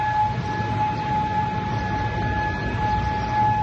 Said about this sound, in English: Air sirens went off across Kuwait City earlier today. Iran said it targeted American soldiers in Kuwait with missiles, which the U.S. says it shot down today.